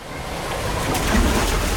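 Water splashing and sloshing steadily from jumping into cooling water at Landal holiday homes, with a rushing, surf-like wash that stays fairly loud throughout and carries no voices.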